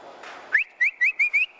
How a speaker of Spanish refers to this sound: A veces el ganado se acostumbra al silbío, ¿no? Al silbío. Por ejemplo, llegaba usted y iba a buscar la vaca de ordeño y comenzaba, como diciéndole para el corral, y se aislaban la vaca. Ese era el silbío.